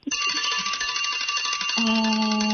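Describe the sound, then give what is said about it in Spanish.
A loud, continuous time's-up bell rings rapidly for over two seconds, marking the end of a contestant's 10-second limit to answer a quiz question, its metallic clatter steady, joined partway through by a deeper buzzing tone. No one speaks. “Se le acabó el tiempo.”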